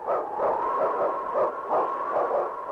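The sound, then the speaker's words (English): King, a husky lead sled dog in Challenge of the Yukon, barks over and over in a steady, rhythmic run of sharp, excited barks, fairly loud, with a slightly muffled, old-recording tone and no voices. “It's King, swiftest and strongest lead dog of the North Country, blazing the trail for Sergeant Preston of the Northwest Mounted Police in his relentless pursuit of lawbreakers.”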